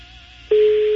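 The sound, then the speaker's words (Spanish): A telephone ringing tone heard over the line while calling a bricklayer: a steady, loud electronic hum switches on halfway through and holds unbroken to the end, with no voices. “Está sonando el teléfono del arquitecto, digo, del albañil, digo.”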